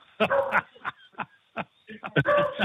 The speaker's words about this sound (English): I do. See, every time somebody comes to the door, she barks her head off. That's a beagle.